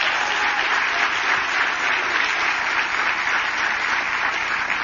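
Sustained applause from a crowd, a dense, steady wash of clapping that holds at an even, fairly loud level for the whole stretch without any voices over it; a round of applause for Mayor David Holt at a gathering of mayors.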